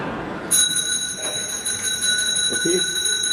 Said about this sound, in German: Es läutet. Da kann ich Sie beruhigen, Herr Direktor. Das liegt nur daran, dass wir eine Glocke haben.